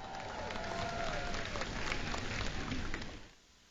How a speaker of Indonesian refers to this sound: Berikan tepukan gemuruh kepada Dr. Azmer.